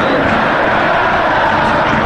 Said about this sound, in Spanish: Se levanta el grito de Talleres en el Kempes.